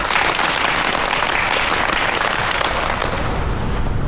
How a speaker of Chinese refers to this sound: 来，大家鼓掌。